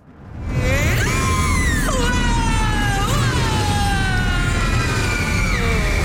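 Someone screams on an amusement park ride at Tusenfryd, long wavering cries rising and falling in pitch over a steady, loud mechanical rumble and wind-like roar.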